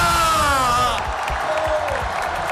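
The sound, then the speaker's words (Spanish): A large crowd of Deportivo de La Coruña football fans in A Coruña roars and cheers, celebrating their team's return, with a loud sustained shout rising over the din before breaking into a dense wash of whoops, yells and clapping. “Coruñeses, deportivistas, gritar conmigo, ¡estamos de vuelta!”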